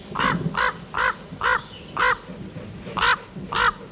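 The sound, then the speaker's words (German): A common raven calls repeatedly, about seven harsh, hoarse croaks in a steady rhythm, clear with no one talking. “5 Vögel stehen dabei zur Auswahl, die sicherlich nicht alle durch ihren Gesang bestechen, wie zum Beispiel der Kolkrabe.”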